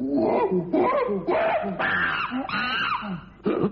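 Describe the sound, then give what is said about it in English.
A palm civet, a kind of cat, calls in a series of wavering, high-pitched wails and moans, rising and falling in pitch with strong harmonics, repeating in loud bursts for several seconds with short breaks between them. “It's a civet, the palm civet.”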